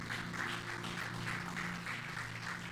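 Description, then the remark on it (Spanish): An audience claps together in a steady rhythm, about three or four beats a second, giving applause to the Lord, over a sustained low musical drone. No one speaks. “Brinde un aplauso al Señor.”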